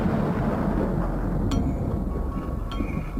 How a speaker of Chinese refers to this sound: 原本计划4月7日19:30要发射的亚洲一号，到了20:00，雷雨一直没有停止的迹象。